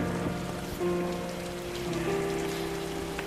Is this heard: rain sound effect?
yes